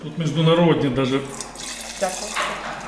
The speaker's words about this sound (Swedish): häller upp ett glas direkt från ståltanken. Pinot Noir.